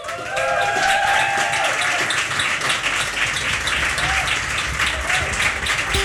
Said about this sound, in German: Applaus!